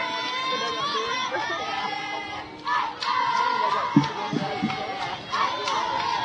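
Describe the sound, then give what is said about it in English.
Steady crowd murmur at a 3A super sectional high school baseball game in Decatur between Glenwood and the Panthers, a dense wash of chatter with occasional louder shouts and cheers rising above it, continuous throughout. “Great crowd here in Decatur for this 3A super sectional.”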